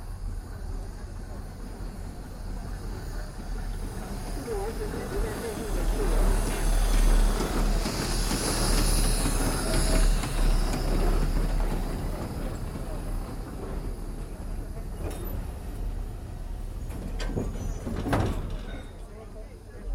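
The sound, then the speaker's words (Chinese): A steam train rumbles past, swelling louder midway with a bright burst of hissing steam, then easing off while people talk in the background. “中 北蒸汽 的车来 的，哎，小朋友往后 退哦”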